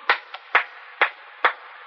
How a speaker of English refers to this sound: Men walking, close. Men coming close, walking in the tunnel.